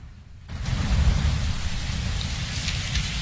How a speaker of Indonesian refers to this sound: Semalam hujan deras sekali ya? Betul.